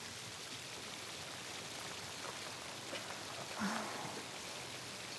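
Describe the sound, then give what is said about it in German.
Steady rain falls in a dense, even hiss, with scattered drops pattering and a brief faint tone rising near the end. “mit mehr Pferden als Einwohnern und offensichtlich mit einer Regenwahrscheinlichkeit von 100%.”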